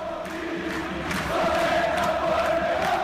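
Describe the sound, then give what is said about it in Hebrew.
A large football stadium crowd of Beitar Jerusalem home fans roars and chants continuously during a match against Larnaca, a dense wash of voices that swells louder midway through, sustained throughout with no single speaker standing out. “בבית"ר ירושלים כאן, הקהל שלנו, תצוגת עידוד שלו, אתם יכולים לשמוע.”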